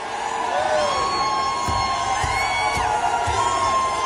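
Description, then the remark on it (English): A large protest crowd at the State House in Nashville jeers and shouts at steady volume, a dense wash of overlapping voices with individual yells and whoops rising above the din. “And they're all jeering and they're ignorant. Listen to them.”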